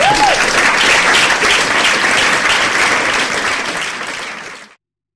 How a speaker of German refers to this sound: Und jetzt Applaus für Michael Bittner.